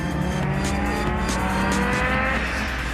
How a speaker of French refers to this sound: Ah bon, voiture de rallye, hein, on peut aller un petit peu dans l'herbe.